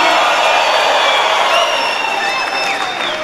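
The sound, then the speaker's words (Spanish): A crowd answers a speaker's call for a victory shout, erupting in a loud, sustained cheer, with many voices shouting and whooping together, rising and falling cries over a steady roar, and some clapping mixed in. “Alguien dé un grito de victoria aquí.”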